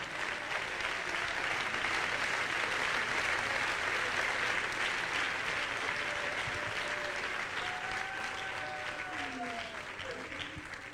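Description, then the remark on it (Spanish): An audience claps hands loudly and steadily for the King for about ten seconds, a dense wash of applause with faint voices calling out beneath it, fading slightly toward the end. “Dele palmas al Rey.”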